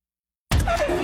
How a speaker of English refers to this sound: That sound? That's your wipers telling you it's time for a change.